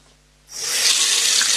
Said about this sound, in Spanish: Abres la llave, sale agua. Parece algo natural, ¿verdad?